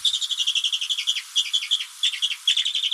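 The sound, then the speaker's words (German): A bearded vulture, the largest bird of the Alps, gives a fast, steady series of thin, high-pitched twittering chirps, repeated rhythmically for several seconds, clear with no other sounds. “Der größte Vogel der Alpen mit einer sehr harmlosen Stimme.”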